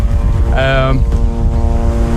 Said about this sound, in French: Un drone israélien bourdonne dans le ciel de Beyrouth, et sur ce promontoire qui offre une vue plongeante sur son quartier,